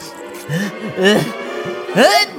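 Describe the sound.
A voice builds up with a couple of drawn-out, rising gasps, then lets out a loud, sudden, clear sneeze near the end.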